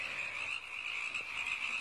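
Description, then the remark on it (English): A dense chorus of frogs croaking continuously, a steady high-pitched trilling wall of sound that stays loud and even throughout, with no voices. “Yeah, listen to those frogs.”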